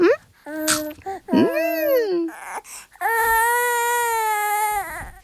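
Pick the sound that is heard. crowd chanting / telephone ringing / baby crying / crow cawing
baby crying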